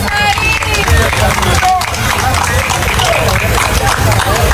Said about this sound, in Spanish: Que se escuchen esos aplausos.